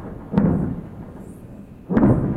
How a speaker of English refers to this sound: Some of the sounds of explosions in Lebanon overnight.